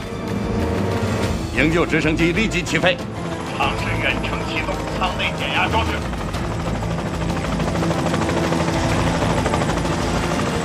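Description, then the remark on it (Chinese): A rescue helicopter takes off at once, trying to remotely start a cabin decompression device; its rotors chop loudly and steadily, a dense engine roar building under them, with indistinct voices and other clatter mixed into the noise. “营救直升机立即起飞，尝试远程启动舱内减压装置。”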